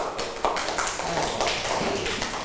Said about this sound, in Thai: โอเคปรบมือให้เพื่อนหน่อยลูก